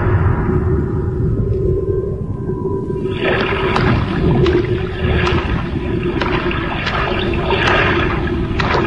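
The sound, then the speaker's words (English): Floodwater sloshes and splashes continuously over a deep low rumble, growing busier after a few seconds with repeated wading splashes as someone in hip boots wades through water above the ankles over rugs and floors, fairly loud, with no voices. “Well, the water is well up over my ankles, but I managed to find an old set of hip boots.”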